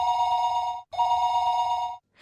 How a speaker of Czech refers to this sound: Uhodli jste? Ano. Nejdříve zazvonil telefon.